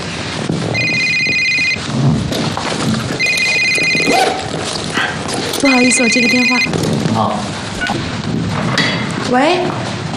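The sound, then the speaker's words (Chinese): A phone rings in three distinct electronic bursts, each about a second long with pauses between, fairly loud, over a busy background with some voice activity. “不好意思，我接个电话。”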